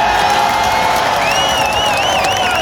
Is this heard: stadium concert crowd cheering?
yes